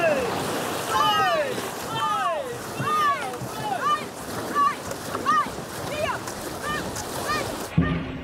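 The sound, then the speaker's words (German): A boat crew's paddles splash through the water in a steady wash of noise. Excited voices shout and call out over the strokes as a helmsman gives the commands. A sharp knock comes near the end. “Paddeln? Paddeln ins Wasser?”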